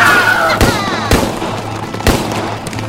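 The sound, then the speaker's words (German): Gunfire in a shootout: three loud, sharp shots ring out at uneven intervals over a steady low rumble, each crack followed by a brief echoing tail. “Knallt sie ab!”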